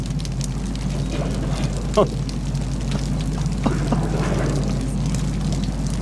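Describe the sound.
A steady, dense rush of water like a waterfall roars continuously, with a few brief knocks and splashes rising out of it and faint muffled voices underneath.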